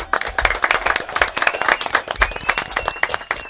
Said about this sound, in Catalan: Sí que en saben, eh? Un aplaudiment. Molt bé.